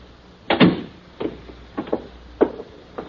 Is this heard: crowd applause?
no